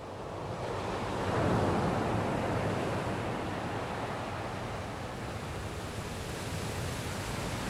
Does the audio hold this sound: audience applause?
no